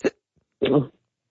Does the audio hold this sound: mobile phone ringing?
no